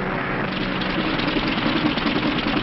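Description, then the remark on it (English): An airplane engine with engine trouble drones loudly and continuously, its rough, noisy roar wavering slightly throughout, with no voices present. “Engine trouble, sir. We'll have to go back to the field.”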